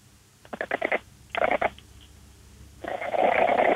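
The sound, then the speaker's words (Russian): A sick Exotic cat named Lady Vata gives hoarse, raspy meows that sound almost like snorting: two short stuttering bursts, then a longer, steady rasp. Fairly loud, with no talking over them. “Это она так приболевшая мяукает.”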